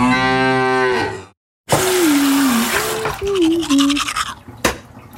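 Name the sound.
brushing teeth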